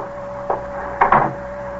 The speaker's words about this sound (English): Close the door